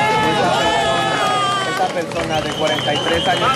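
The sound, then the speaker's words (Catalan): A crowd claps and cheers loudly and steadily, with excited voices and shouts mixed into the continuous applause, applauding a woman rescued by firefighters as she is taken by ambulance to hospital. “Així se l'aplaudia, ambulància i camí de l'hospital.”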